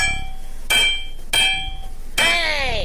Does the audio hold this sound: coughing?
no